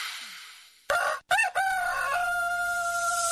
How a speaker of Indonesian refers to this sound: Ayam jantannya udah berkokok nih. Satu kali, dua kali, tiga kali. Wah, itu tandanya malam udah berganti jadi pagi.